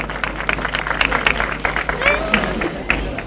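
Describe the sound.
A crowd applauding steadily at a speaker's call for a strong round of applause for a guest, with dense, irregular clapping throughout and a brief rising whistle-like tone partway through, against a murmur of voices.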